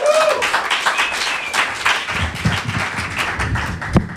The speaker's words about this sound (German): Großen Applaus.